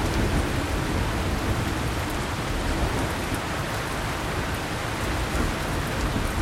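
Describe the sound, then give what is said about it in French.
Heavy rain pours down steadily in a dense, continuous hiss with a low rumbling undertone, loud, with no voices; the rain has started suddenly after a spell of hot weather. “quand il y a eu des coups de chaleur comme ça, et puis que d'un seul coup la pluie tombe comme ça”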